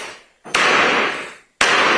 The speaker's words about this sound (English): That was a little much. That was a little extra with the gavel as they came into the courtroom. My good God. You hear the ferociousness?